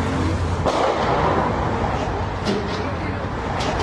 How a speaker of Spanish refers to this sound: ¿Qué es? Pues son balazos.